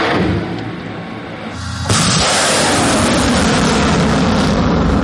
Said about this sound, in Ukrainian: Ракета вилітає з шаленою швидкістю, і нам теж не варто тут затримуватися.